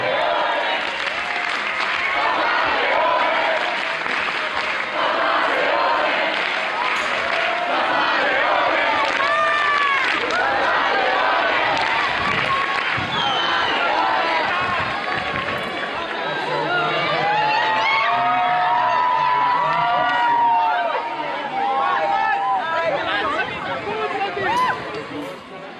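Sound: crowd cheering and applauding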